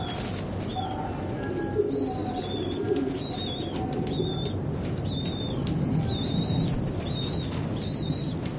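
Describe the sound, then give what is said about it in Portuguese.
Pigeons coo softly at a nest on Blackfriars Bridge in London, where a chick has just hatched. Thin, high chirping calls repeat in quick bursts above a constant low rumble. Nobody speaks. “Incrivelmente, os pombos alimentam seus filhotes com leite.”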